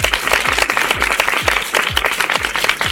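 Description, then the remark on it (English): A loud, sustained round of applause from many hands, dense and continuous for the whole stretch, with a steady low thumping beat pulsing underneath. “And as always, if you did the actions at home, give yourselves a great big round of applause.”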